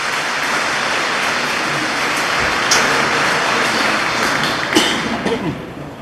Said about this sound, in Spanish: Bienvenidos a la comunidad. Otra vez un aplauso. Felicidades.